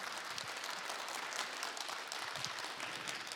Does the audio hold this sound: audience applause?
yes